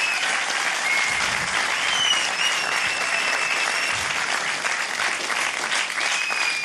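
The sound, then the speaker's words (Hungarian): Sustained audience applause fills the whole stretch, a dense, steady patter of many hands clapping at an even loudness with no voices standing out. “Köszönöm szépen a szülni nem akaró tapsot.”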